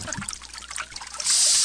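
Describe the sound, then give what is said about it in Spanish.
Water runs from an opened tap, an uneven trickle that suddenly swells into a steady, louder rushing flow for the final moments. No voices are heard. “ya le abrió la llave.”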